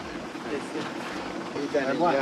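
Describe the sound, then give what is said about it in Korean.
A steady, rough engine rumble runs throughout as a tractor serving as the village bus arrives in the Knuckles mountain range, with voices speaking over it toward the end. “드디어 너클스 산맥의 마을 버스 트랙터가 도착했습니다.”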